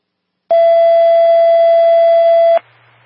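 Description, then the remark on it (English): A loud, steady dispatch alert tone for an ambulance unit in Lower Township, sent to a medical call in Green Creek, sounds alone as one unbroken electronic pitch for about two seconds, then cuts off abruptly, leaving only faint radio hiss. “Just be advised when I add you to the card, you're going to hear your tones.”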